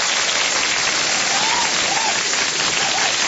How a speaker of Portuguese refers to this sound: os aplausos para todos os aniversariantes. Isso.